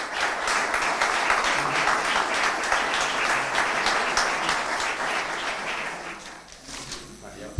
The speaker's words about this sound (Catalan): Un fort aplaudiment.